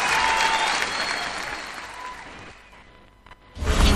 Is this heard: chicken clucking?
no